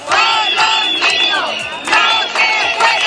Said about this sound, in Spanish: Por eso han gritado: con los niños no se juega. ¡Con los niños no se juega! ¡Con los niños no se juega!